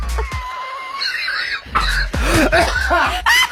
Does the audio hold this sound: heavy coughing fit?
yes